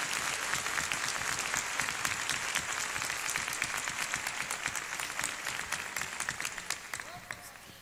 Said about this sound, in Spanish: Un aplauso bien bonito para este maravilloso trío.